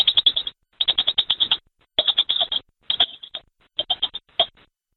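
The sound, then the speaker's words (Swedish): A voice imitates a squirrel with the mouth in rapid, high chattering clicks, several quick bursts separated by short pauses, fairly loud, with no talking. “Och så har vi en ekorre eller någonting.”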